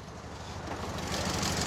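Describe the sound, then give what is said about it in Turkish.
A small Italian car's 1.6 inline-four twin-cam engine idles steadily just after being started, its exhaust giving a low, even burble with a faint rhythmic pulse, holding at a constant level throughout. “Vay canına, anında çalıştı. Egzozdan çıkan ses de gerçekten harika geliyor değil mi kulağa?”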